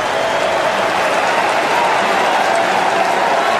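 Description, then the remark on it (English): Mets fans at a baseball game against the Royals at Citi Field stand and clap steadily, thousands of hands blending into a dense, continuous roar of applause that holds at an even, loud level throughout, with no speech on top. “Mets fans, stand and clap.”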